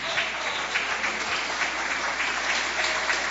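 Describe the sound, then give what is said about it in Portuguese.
A church audience claps hands steadily to give glory to God, a dense, continuous wash of many overlapping claps with no pauses, fairly loud and even throughout, with no voices standing out. “Podeis assentar, bate palmas, dai glórias a Deus.”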